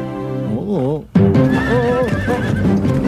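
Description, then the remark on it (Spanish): A horse whinnies loudly with a wavering, trilling neigh, then continues snorting and neighing while hooves clop along beneath it. “Hoy quiero que me vean en mi caballo paseando por las calles.”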